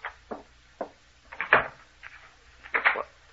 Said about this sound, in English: He's locking the door again. He's locking us in.